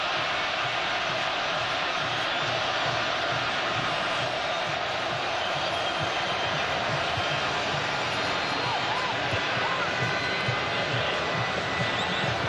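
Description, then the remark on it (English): Colombian football fans roar steadily in a stadium, a dense wall of cheering voices that holds at full loudness throughout, with faint whistles or chants rising briefly near the end. “There's 30,000 Colombians that actually live in the area of Mexico City, and a lot of them will travel. Listen to that.”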